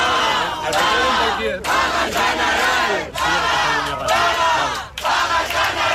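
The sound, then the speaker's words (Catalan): A group of protest campers gathered under a tent chants a slogan together in loud, rhythmic bursts after hearing the result of a vote, each phrase separated by a brief pause, voices rising and falling in unison across several repetitions. “cap a quarts de quatre un grup d'acampats feien pinya sota una carpa mentre escoltaven les votacions i, en saber-se el resultat, han esclatat en diverses consignes.”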